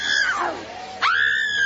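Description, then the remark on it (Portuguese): A loud, high human scream that slides sharply downward, breaks off, then rises again into a second sustained shriek, with no other speech heard. “E esse cemitério, meu Deus, olha ali, já gritou, grita queima ele.”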